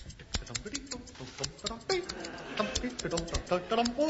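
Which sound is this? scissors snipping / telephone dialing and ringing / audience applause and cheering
scissors snipping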